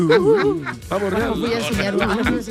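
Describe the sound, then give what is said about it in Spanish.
Loud, wailing honks of peacocks in Punta Marina, Ravenna, repeated several times with a wavering pitch, tangled together with people's voices over a couple of seconds. “Cuidado con los pavos, que los pavos reales allí son peor que los gremlins.”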